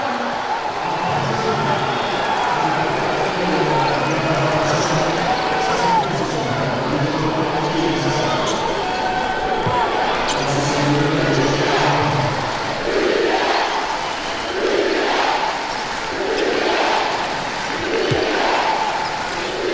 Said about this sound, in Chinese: 主场球迷给客队的嘘声，刚才这段时间的一些吹罚呢，让现场的球迷也不太满意。